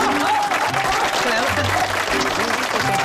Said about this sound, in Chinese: 我们掌声欢迎亲家母讲两句。